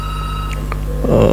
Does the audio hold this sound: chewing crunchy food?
no